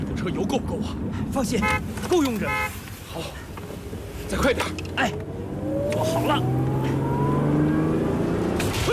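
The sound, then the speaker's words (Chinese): A jeep engine starts up and revs, its pitch climbing steadily as the vehicle accelerates and drives on, loud, with voices talking briefly before it. The jeep is being driven from Sariwon station back to Pyongyang. “吉普车我来驾驶吧，你歇会儿，一会儿你还得驾驶动5号呢。”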